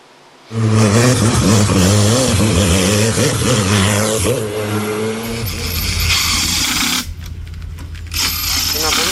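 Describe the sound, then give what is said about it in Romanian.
Loud race car engines rev, their pitch climbing and dropping in waves, followed by a sustained roar and another burst of acceleration near the end, at a hill-climb speed competition on the Transalpina road at the Rânca resort in Gorj. “În stațiunea Rânca din Gorj, motoarele turate și mirosul de cauciuc încins au acoperit liniștea muntelui.”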